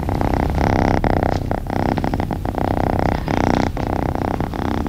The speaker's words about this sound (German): Ein Geräusch, das sofort vermuten lässt, dass es hier einer Katze richtig gut geht.